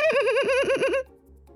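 A red-billed oxpecker, picking dirt from an impala's fur, gives a loud, wavering, whisper-like call: one continuous rippling chatter that rises and falls rapidly for about a second, then cuts off to near silence.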